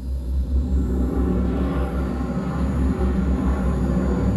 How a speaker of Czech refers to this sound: Zážeh brzdících systémů. Provedu, pane kapitáne. Navádíme loď na přistání.